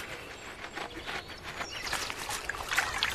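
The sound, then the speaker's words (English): A steady rush of flowing river water, a rushing stream where beaver families build dams, with bubbling, splashing detail over a continuous hiss at moderate loudness. No voices are heard. “Now, let's travel over to a river to meet some builders who can reshape an entire valley, the Beaver People.”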